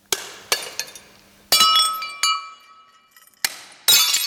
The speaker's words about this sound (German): Sudarshan Shetty sitzt am Boden eines großen Saals im Koblenzer Ludwig-Museum und zerschlägt mit einem Hammer Dutzende Tassen und Teller aus Porzellan. Sie sind Teil einer Installation, die er gerade anfertigt.